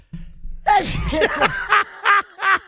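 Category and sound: human body sound, sneeze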